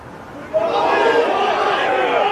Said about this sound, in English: Really good crowd pop there on 18 after the heavy rain. So people stuck around.